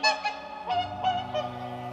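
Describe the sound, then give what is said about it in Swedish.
Whooper swans calling at Tysslingen, a run of loud, bugling honks about every few tenths of a second, several birds overlapping, with no voices present. “Han fortsätter att fotografera lappugglor i skogen och sångsvanar vid Tysslingen.”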